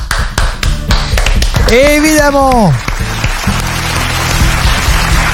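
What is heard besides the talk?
applause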